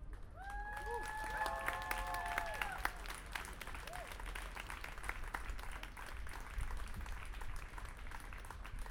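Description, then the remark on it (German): An audience applauds steadily for about nine seconds after a speech, a dense patter of many hands that thins slightly toward the end, with a brief high tonal cheer rising over it near the start. “Ich denke, die haben nochmal einen herzlichen Applaus verdient.”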